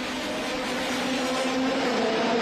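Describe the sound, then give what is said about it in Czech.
A steady, loud engine roar fills the whole stretch, a dense sustained drone with a strong low hum from powerful IndyCar racing cars at a race through the center of Washington, D.C., heard from early morning. No one speaks. “Od časného rána zní centrem města dunění nejsilnějších závodních motorů.”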